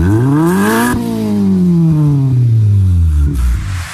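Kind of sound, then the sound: vehicle, car engine revving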